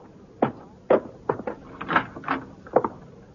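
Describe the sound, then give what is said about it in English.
A front door opening, with a run of short wooden clunks and creaks spaced unevenly over a few seconds, fairly loud and with no voices. “The front door's unlocked.”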